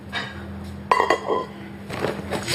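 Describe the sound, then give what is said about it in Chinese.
A metal cooking pot, brought along for someone who asked for it, is handled, giving two sharp ringing clanks in quick succession, followed by softer scraping and rattling as it is set down and moved. “那你要的锅我带给你带来”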